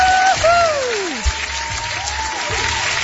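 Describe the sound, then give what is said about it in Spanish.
A steady wash of crowd applause fills about three seconds, with gliding whistle-like tones sweeping downward over it and soft low thumps underneath. “Ya sé, mucho aplauso y toda la cosa, ¿no?”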